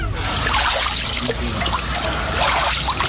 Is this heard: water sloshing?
yes